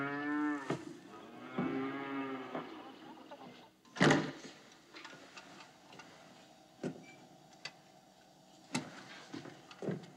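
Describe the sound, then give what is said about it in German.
Cows moo twice in long, drawn-out, low calls, followed by a sudden loud clatter and then a few scattered knocks and thumps over a quiet background hum. “Melken? Ja, können Sie das nicht? Kühe melken.”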